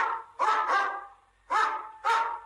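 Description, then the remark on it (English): A dog barks four times in a loud sequence, the first two quickly paired, then a pause before two more evenly spaced woofs, with no voices present. “What does a dog say?”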